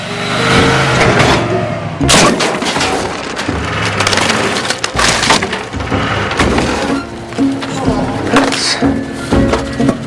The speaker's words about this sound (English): He reverses into his driveway but misjudges and knocks down the picket fence at the front of the house.